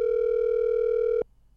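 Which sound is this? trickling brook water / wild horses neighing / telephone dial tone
telephone dial tone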